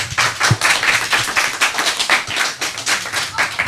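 A crowd claps steadily for a few seconds, a dense, even patter of many hands at a lively, unbroken rhythm, with no one speaking over it.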